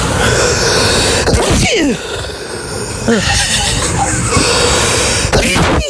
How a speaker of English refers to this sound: That's my sneeze.